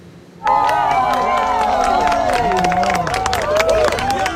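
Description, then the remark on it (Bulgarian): People across Spain burst into applause and joyful cheering to greet two minutes of darkness during a total solar eclipse, after a brief quiet start, dense clapping mixed with many overlapping excited shouts and voices, loud and sustained throughout. “С аплодисменти и радостни възгласи хора из цяла Испания посрещнаха двете минути мрак.”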